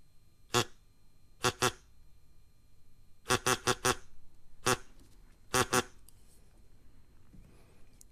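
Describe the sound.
People imitate duck quacks with loud, nasal calls in short irregular bursts: singles, pairs and one quick run of four, separated by quiet pauses against a faint background.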